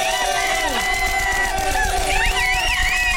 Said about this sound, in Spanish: Bueno, Lagrimita y Costel, venga el aplauso.